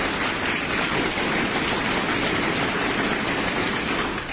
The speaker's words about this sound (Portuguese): Mais palmas. Uma multidão de palmas agora, vai!